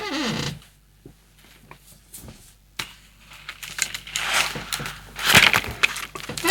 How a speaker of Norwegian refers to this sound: Så smart at det en stol som knirker sånn.